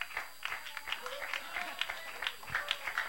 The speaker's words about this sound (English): Mire, hermano, aleluya, mejor los jóvenes están aplaudiendo. See, the youth are applauding instead.